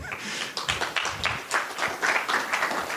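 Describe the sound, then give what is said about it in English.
An audience at a talk claps together in a steady burst of applause for Amazon's sponsorship of their S3 bill, a dense patter of hands at moderate volume that carries on for a few seconds, with no voices over it. “Yeah, we can applaud that.”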